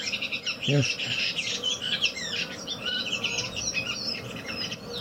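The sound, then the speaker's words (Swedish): A redwing sings a dialect from Renö in a long, agitated run of rapid, high chattering notes, angry at another redwing, continuing without pause over a steady hiss of background noise, with one brief low tonal sound early on. “Här har ni chattret mycket längre. Den här är arg på någon annan rövinge.”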